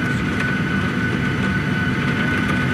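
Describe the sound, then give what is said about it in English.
A steady, dense roar of heavy sheets of rain drums on a hard surface, with scattered sharp ticks of pea-sized hail pelting through it and a constant low engine-like hum underneath, heard during a lightning storm from on board a WestJet plane on the tarmac, 50 meters from the gate. No one speaks. “Sheets of rain, and you can hear the hail now. Pea-sized hail.”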